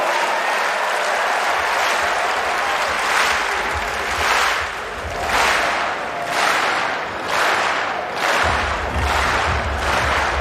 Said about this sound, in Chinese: 这就主场便利啊，萨尔要到了很好的这个全场观众给他打节奏这样的比赛氛围